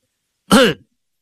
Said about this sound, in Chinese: 海瑞跟着这个人的身后，他轻轻的咳嗽了一声。